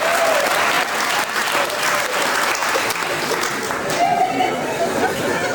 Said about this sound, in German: Was gibt's denn da zu klatschen?